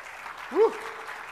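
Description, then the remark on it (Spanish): Steady, dense applause from a church audience giving an applause to the Lord, a continuous crackling wash of clapping, with a short voiced shout or cheer rising briefly over it partway through. “Dale un aplauso al Señor ahí donde está.”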